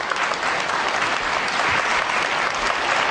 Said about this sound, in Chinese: 掌声鼓励，掌声啦、啊！掌声鼓励！